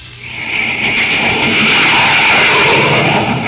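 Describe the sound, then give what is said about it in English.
A loud, sustained jet plane roar swells in over the first half second, then holds steady as a broad, hissing rumble with no voices. “You're listening to the blazing roar of a jet plane.”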